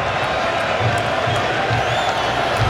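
A large crowd of United States football supporters at the San Francisco Bay Area Stadium cheers their team after knocking out Bosnia and Herzegovina, a dense, steady roar with faint rhythmic low thumps pulsing underneath and no clear individual voices standing out.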